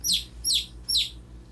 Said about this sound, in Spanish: ¿Usted sabe cómo hace el pollito?